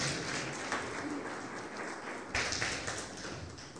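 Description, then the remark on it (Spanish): An audience at a worship service applauds steadily for Jesus as King of Kings, many hands clapping in a dense, continuous wash of sound with a brief louder surge partway through, and no speech over it. “Denle un fuerte aplauso al Rey de Reyes, Señor de Señores.”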